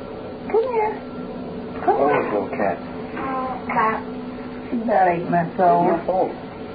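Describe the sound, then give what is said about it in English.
A cat meows several times in drawn-out, plaintive cries, fairly loud, with a person's voice talking alongside. “Come here, Tippy. Tippy. Come here. Come here. Oh, little cat.”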